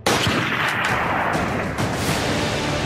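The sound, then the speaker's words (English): Loud, continuous gunfire as unidentified assailants open fire on a police officer returning home from Gate Hakima Police Station in Amritsar, Punjab, with several sharp shots cracking through a dense, roaring wash of noise for the full three seconds. No one speaks. “Then came the gunfire.”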